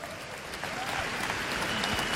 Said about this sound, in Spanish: Un aplauso a Dios Padre.